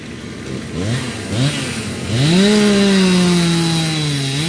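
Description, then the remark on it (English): A chainsaw revs in short bursts, then settles into a long, loud, steady whine as it bites into wood, its pitch slowly dropping under load, as crews cut fallen trees from the roads. No voices. “The hum of generators is in the air, and chainsaw crews are cutting trees from the roads.”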